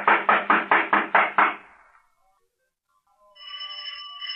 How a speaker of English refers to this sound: I'm going to knock on the door. You see, there's no answer. Maybe he's not home. He never leaves. I'll try again.